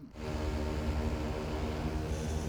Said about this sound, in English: A group in Akita Prefecture may be about to get a solution off the ground. The collaboration between a local government, a university, and a company has developed a flying drone that sows rice seeds.